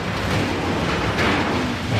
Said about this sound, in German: Heute ist er ja in einem Gipswerk. In einem Gipswerk, Chance. Oh, es ist laut bei dir.